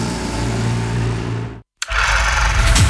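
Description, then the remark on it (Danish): A loud tractor-pulling engine roars steadily with a low rumbling drone, cuts out abruptly to silence for a moment, then bursts back in even louder and rougher, dominating, with no voices; at the Danish championship in tractor pulling in Linde near Randers, Denmark. “Danmarks vildeste hestekræfter samles til DM i traktortræk”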